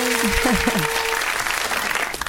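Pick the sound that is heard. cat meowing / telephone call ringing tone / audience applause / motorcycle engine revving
audience applause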